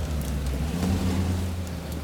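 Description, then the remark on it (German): A car engine drones low and steady as it labors up a slope in fog, a strained continuous rumble with a faint wash of background noise. “Hören Sie den Wagen?”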